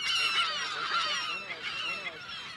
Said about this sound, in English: On this wet spring morning, the gulls are in dense colonies along the pond's edges.